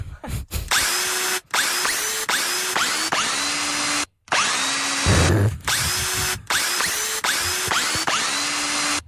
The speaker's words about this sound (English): if you know the song we're playing on the power tool